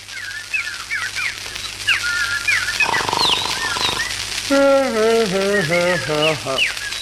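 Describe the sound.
Rapid imitated bird chirps and twittering trills, fairly loud, played as a musical piece, running for several seconds. Midway, a lower, warbling, voice-like whistle joins the high chirps before it fades.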